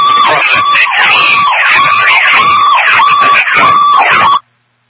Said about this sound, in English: The siren cut you out.